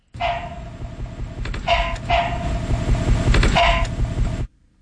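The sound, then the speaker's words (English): A frog calls loudly, giving several harsh, barking croaks at uneven intervals over a dense, steady rumble of other calling that runs throughout, then cuts off abruptly. “It's not a dog. It's a frog.”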